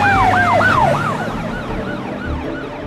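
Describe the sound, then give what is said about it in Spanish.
Sirens of several police cars in a pursuit whoop in rapid, rising-and-falling cycles, loud at first and then fading as the cars pass, over a steady low rumble of road traffic. No one speaks. “Luke también se asoma y nota cómo varios autos de policía lo superan.”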